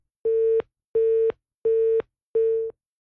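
A phone busy tone after a dropped call to a reporter covering the Blitar city carnival: four steady, evenly spaced beeps at a single mid pitch, each about a third of a second long with short gaps, fairly loud and with no voices.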